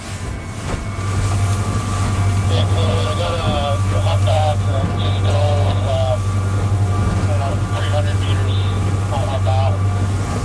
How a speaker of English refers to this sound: The boat accelerates, and I feel like we're suddenly in a high-speed car chase, except a bit more civilised.